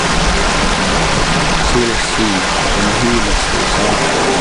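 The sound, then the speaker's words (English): Monte Creek, also called Winanich, rushes steadily, a loud, continuous wash of flowing water that fills the whole clip, with faint voices murmuring underneath. “This creek's named after my grandfather, by my great-grandmother.”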